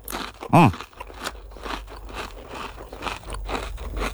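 Crisp crunching of a crispy cream biscuit: one loud bite followed by a steady run of smaller crackly chews, with no talking.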